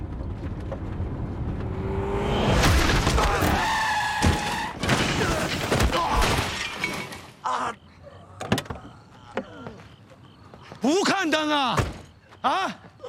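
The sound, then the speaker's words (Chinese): A car crash: a loud, rising screech of skidding tires, then a heavy impact with scattered clattering and sharp bangs. Excited voices follow after the noise dies down. “没事，车有保险，不用你的钱啊。”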